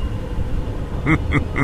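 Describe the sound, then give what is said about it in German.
A deep, steady rumble of thunder rolls throughout, joined near the end by three short, rising tonal bursts in quick succession. “Ein undefinierbares Donnergrollen erschallte.”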